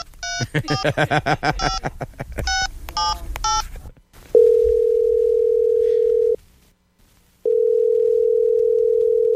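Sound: telephone dial tone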